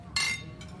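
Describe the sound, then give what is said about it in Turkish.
A single bright glass clink rings out sharply as glasses touch in a toast, with a shimmering high tone that decays over a fraction of a second against a low background murmur. “Şerefe.”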